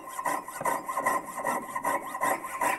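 A jeweler's (goldsmith's) hand saw, a traditional hand tool, cutting through brass in quick, steady back-and-forth strokes, about seven rasping passes, moderately loud, with no one talking.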